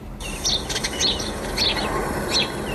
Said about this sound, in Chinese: 走进本溪环仁县的枫林谷森林公园，鸟鸣山谷，满目苍翠，峡谷漂流、森林浴场、登山步道，吸引着大批省内外游客前来避暑游玩。